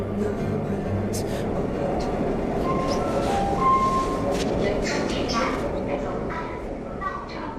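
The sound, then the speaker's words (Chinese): A subway train rumbles steadily and loudly throughout, with brief electronic chime tones sounding near the middle over the constant clatter of the moving car. “安和被地铁提示音拉回现实。”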